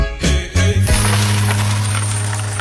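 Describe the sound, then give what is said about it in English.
A short coins-dropping sound effect: a quick burst of metallic clatter followed by a steady ringing tone that hangs on for a couple of seconds, loud, with no one talking. “Coins. I need dollar, that's what I need.”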